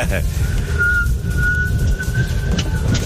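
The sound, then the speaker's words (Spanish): A person far away whistles a thin, fairly steady tune for a couple of seconds, with only slight shifts in pitch, barely audible under a loud, constant low rumble of background noise. “pues eso no es tararear. Esa es una silbadita.”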